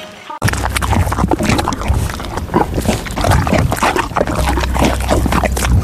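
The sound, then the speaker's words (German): A horse, the mare Didi, chewing a banana with loud, wet, sloppy smacking, a steady stream of squelchy clicks and slurps over a low rumble, with no talking. “Die Pferdedame Didi frisst gerade eine Banane.”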